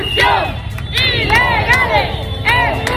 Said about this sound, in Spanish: Ahora mismo aquí todo el mundo está gritando consignas al resto de ciudadanos ceutíes les dicen no nos mires, únete. Hay gente en los coches parada, que toca el claxon, que saca el móvil, que se pone a grabar.